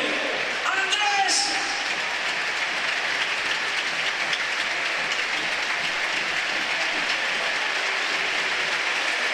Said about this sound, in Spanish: Bueno, pues la ovación del público.